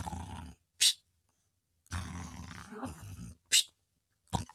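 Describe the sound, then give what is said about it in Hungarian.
A voice imitates an old sailor snoring on the deck of a ship: loud, rough, rumbling snores, each followed by a short, sharp whistling breath, repeating about three times with brief pauses. “Öreg tengerész hortyogott a fedélzeten.”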